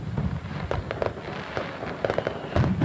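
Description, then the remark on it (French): Fireworks go off in irregular bursts, sharp cracks and pops standing out over a continuous low rumble, with no voices, at a steady moderate loudness that swells toward the end. “un feu d'artifice laser”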